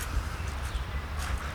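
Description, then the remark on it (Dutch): Footsteps thud along a hollow floor inside a train wagon, a few soft steps in steady rhythm over a constant low rumble, moderately quiet, with no talking. “Laten we hem erin lopen door zo'n wagon door.”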